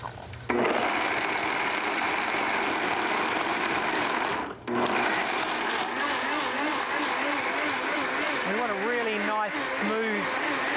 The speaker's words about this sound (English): And we're just going to blend. Simple as that.